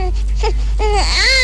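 A baby cries in short, wavering wails, rising and falling in pitch over a steady low background hum.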